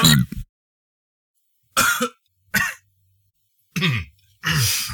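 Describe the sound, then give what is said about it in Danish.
A series of five short, guttural burps from a 40-year-old, spaced unevenly with silent gaps. Each one is a loud, raspy, voiced belch; the last ones are slightly longer and drop in pitch. “Jamen, jeg er 40 år gammel, og jeg bøvser som en 12-årig.”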